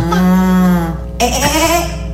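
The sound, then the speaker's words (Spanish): A person imitates a cow with a long, loud, nasal moo, held for about a second, followed by a shorter wavering second moo, with no other talking. “La vaca.”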